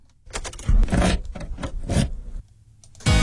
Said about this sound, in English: and again, a bit nostalgic, taking you back to the times where you used an actual key to open the car door.